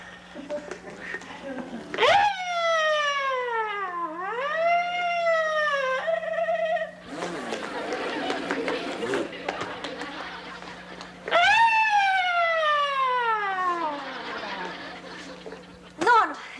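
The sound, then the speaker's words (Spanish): A voice wails up and down in long swooping tones, mimicking an ambulance siren in two loud bursts, with noisy chatter and laughter between them. “¡Soy la sirena de la ambulancia!”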